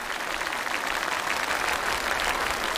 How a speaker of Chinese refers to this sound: 掌声欢迎他登场。